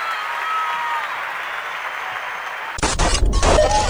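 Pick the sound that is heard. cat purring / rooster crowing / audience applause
audience applause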